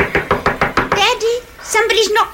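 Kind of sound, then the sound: impact, knocking on a door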